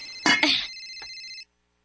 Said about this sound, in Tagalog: Hain naman ito nagtingog ng cellphone.